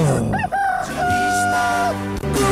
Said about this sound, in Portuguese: Galo cantando, relógio tic-taqueando.